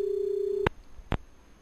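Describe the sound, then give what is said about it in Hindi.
A steady telephone busy tone hums for a moment after a caller's phone call to the programme drops, then cuts off with a sharp click, followed by a second click. No one speaks. “लगता भैया phone cut गया।”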